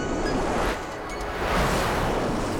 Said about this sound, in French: Mais lorsqu'ils arrivent au-dessus de la mer, le vent souffle de plus en plus fort.